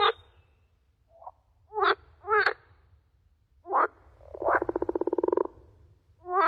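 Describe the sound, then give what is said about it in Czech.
A frog croaks alone: several short throaty calls spaced apart, then a longer rapid rattling croak, over a faint low background hum. “Je to žába.”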